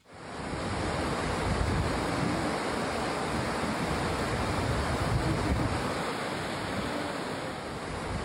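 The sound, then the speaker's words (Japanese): The headwaters of the Kurobe River near Yakushizawa Hut rush in huge volume over large rocks, a dense, continuous roar of white water with occasional splashing bursts, steady throughout with no voices. “なかなかの これね、水量半端じゃない ね。 しかも岩、大きな岩ゴロゴロあるのかな、ぶつかってこう、ま、こう跳ねるような音も時々混ざってる”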